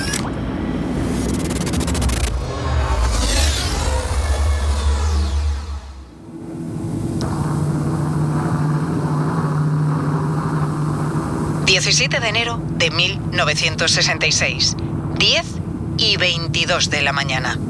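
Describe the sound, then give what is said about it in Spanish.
The deep, roaring engine drone of two aircraft approaching over the Mediterranean near Palomares, Almería, Spain, on 17 January 1966 (one huge, silver and heavy, the other smaller and sleeker behind it) swells with a sweeping, shifting whine, then cuts away to a steady low hum while a voice speaks over the final seconds. “Dos aviones acercándose.”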